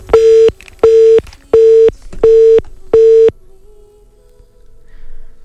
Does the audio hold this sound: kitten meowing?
no